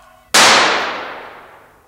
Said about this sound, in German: Jawohl. Ich habe sie getötet, Herr Staatsanwalt. Ich habe meine Frau erschossen.